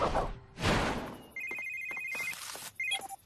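A telephone rings with a bright electronic trill, one long ring followed by a shorter one, after a couple of noisy whooshing bursts at the start. No one speaks.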